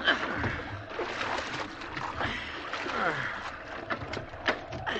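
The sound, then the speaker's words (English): Sea water sloshes and splashes as the cook scoops and tosses it from a small rowboat at sea in the wind, with irregular wet slaps over a steady churning wash of sea noise. “If this wind holds and the boat don't swamp, we can't do much else. Bail here, Cook.”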